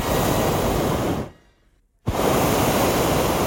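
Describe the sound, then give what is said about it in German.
A hot air balloon burner fires in two loud, steady roaring blasts, separated by a brief silence of under a second, as the balloon lifts off. There is no talking. “Zweimal kurz hintereinander, Attacke und der Ballon hebt ab.”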